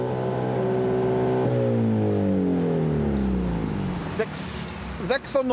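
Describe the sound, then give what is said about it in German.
A car engine revs hard and loud with its exhaust flap opened by a confiscated remote control during a police noise measurement, its deep harmonic roar holding steady, then sliding down in pitch as the revs fall, with a few sharp bursts and clicks at the end; the measurement reads 96.3. “Mit der beschlagnahmten Fernbedienung öffnet Gregor Lesnik die Auspuffklappe.”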